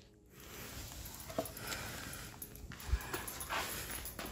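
A dog lets out a few soft, brief whimpering whines on the command "speak", over a low background hum, with no one talking.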